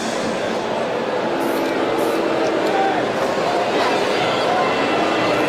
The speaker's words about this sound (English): Brings up Colton Cowser, and the crowd here at Camden Yards appropriately moos for his arrival.